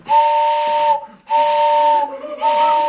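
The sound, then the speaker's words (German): Pipes of a hand-cranked barrel organ, air blown through its note roll, sound together to imitate a railway train: three long, steady blasts, each a bright two-tone chord wrapped in airy hiss, separated by brief gaps. Loud, with no voices. “Und wenn man die zusammenspielt, hat man eine Eisenbahn.”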